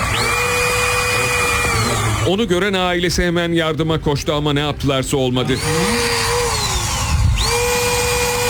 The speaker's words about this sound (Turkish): Devriye itfaiye girdi. Demir kesme makinesiyle parmaklıklar esnetildi.